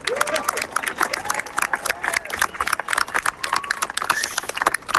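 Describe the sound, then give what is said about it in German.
A crowd applauds steadily, dense overlapping claps rattling on without pause, with scattered voices calling and cheering underneath, as a 1950 suspension railway (Schwebebahn) car is lifted over Wuppertal. “Das ist der Applaus für eine absolut gelungene und spektakuläre Aktion.”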